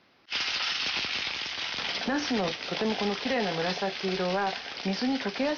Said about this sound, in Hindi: इसके बाद एक पैन में 2 बड़े चम्मच तेल डालिए और पूरी सतह पर फैला लीजिए। फिर बैंगनों को कागज से सुखाकर छिलका नीचे की तरफ करके पैन में रखिए और मध्यम आंच पर हल्के से तल लीजिए।